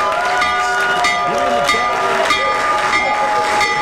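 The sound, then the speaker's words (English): A stock market bell, rung by Trump in the Oval Office to announce the launch of the Trump accounts, rings continuously for about four seconds, a loud, bright, steady metallic tone with layered overtones, while voices murmur and call out underneath. “He's ringing the stock market bell in the Oval Office to announce the launch of the Trump accounts.”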